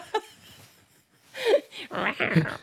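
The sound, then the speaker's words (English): A person imitates a leopard growl with a few loud, raspy, breathy vocal bursts in the second half, preceded by a brief short vocal sound and a quiet pause. “That's not a leopard sound, I'm sure. If that was a leopard, they'd want their money back.”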